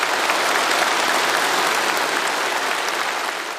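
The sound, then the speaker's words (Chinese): Sustained, dense applause from a large hall audience as Xi Jinping delivers an important speech at a gathering celebrating the 105th anniversary of the Communist Party of China, a steady wash of many hands clapping at even loudness, easing off slightly at the end, with no voices. “在全场热烈的掌声中，习近平发表重要讲话。”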